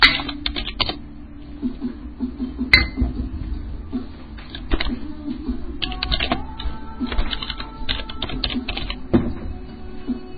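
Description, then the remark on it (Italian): Clacking of fingers on an Austrian computer keyboard, irregular bursts of quick keystrokes with short pauses between, over a low steady background hum. No one speaks. “Come si fa l'apice così? Finché non mi dite che non c'è sulla tastiera.”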